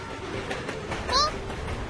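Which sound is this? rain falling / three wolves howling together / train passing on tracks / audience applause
train passing on tracks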